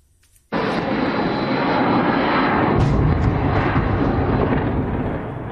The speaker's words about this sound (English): Russia bombarded Ukraine's capital with a massive wave of more than 600 missiles and drones, killed four people, injured dozens. And the mayor of Kyiv called it a terrible night.